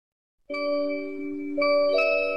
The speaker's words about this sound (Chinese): 随着考试结束铃声响起，考生们陆续走出考场，家长们纷纷上前，现场温情四溢。